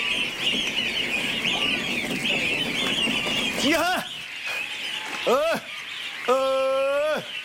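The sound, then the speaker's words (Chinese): A dense, continuous chorus of goslings peeping close by in a gosling-rearing shed on a goose farm, with three louder, drawn-out honking calls rising over it near the end; a voice speaks briefly at the start. “隔篱呢度就系养鹅仔嘅鹅仔棚啊。”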